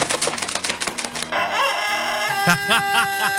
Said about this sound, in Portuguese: O galo pegou gripe por causa do... Dessa troca de tempo aí. Ê, galo velho.